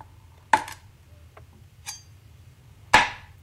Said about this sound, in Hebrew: זה היה חיתוך עם סכין על קרש.